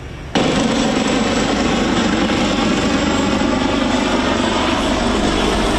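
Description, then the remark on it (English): A helicopter making water drops over a building on fire from solar panels roars overhead, its loud, steady engine and rotor noise kicking in abruptly after a brief quiet moment and staying strong throughout, with a rapid low thudding beneath. “As we arrived on scene, we've seen numerous helicopter water drops over the building.”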